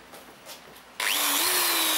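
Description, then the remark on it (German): After a second of near quiet, a power drill suddenly starts up loud, its steady whine rising slightly in pitch as it bores a hole continuously into a tree trunk, the wood already steaming. No voices are heard. “Zunächst ein Loch in den Stamm bohren und versuchen dabei, den Baum nicht anzuzünden.”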